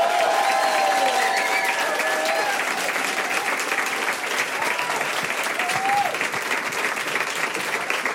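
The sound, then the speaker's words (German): Sustained audience applause for a performer at the end of her set, a dense steady clatter of many hands clapping at an even loudness for the full duration, with a few faint whistles or cheers rising above it. “Riesengroßen Applaus für ….”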